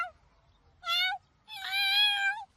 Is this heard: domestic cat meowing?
yes